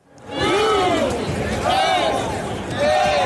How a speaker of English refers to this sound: It was a rowdy crowd of more than 70,000 who turned out in sunny Southern California to see the rare World Cup game that didn't really matter.